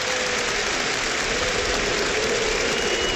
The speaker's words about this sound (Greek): Χειροκρότημα από τον κόσμο εδώ. Απίστευτο. Απίστευτο.